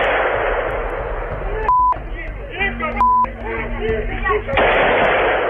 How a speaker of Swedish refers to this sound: Här hör vi ljud från en video som fångat skottlossningen mitt på dagen i Kiev.